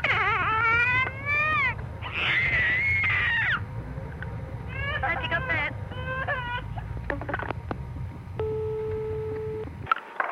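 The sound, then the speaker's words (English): A 15-month-old girl on the phone lets out loud, high-pitched, wavering screams, first a long run of shrieks, then shorter squeals and yelps, over a steady low hum, ending with a brief flat electronic tone. “I'll try and get my little 15-month-old daughter, who's got a terrific scream.”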